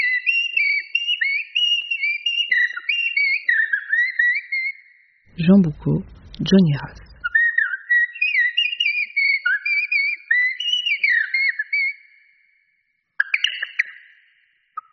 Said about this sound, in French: duo de Merle Noir.